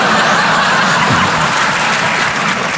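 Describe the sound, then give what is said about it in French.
A live audience claps loudly in a dense, continuous wash of applause lasting a few seconds, with a few scattered chuckles mixed into the noise and no one speaking. “N'applaudissez pas, vous allez tous mourir.”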